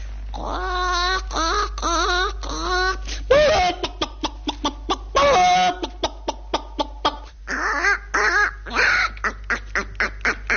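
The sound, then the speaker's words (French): A person's voice imitates a clucking hen: a few drawn-out, warbling squawks, then a rapid, steady run of short clucks, ending with more squawks and clucks. “Il y avait Madame de Rézy qui me demandait toujours, faites-moi une poule, allez-y.”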